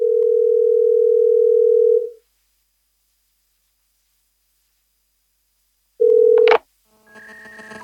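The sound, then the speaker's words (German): A phone ringing tone from a call to a father, played on speakerphone: one long, steady low beep, a few seconds of silence, then a second beep cut short by a click and followed by faint electronic noise. “Moment, stell's auf laut, sonst hören wir gar nichts.”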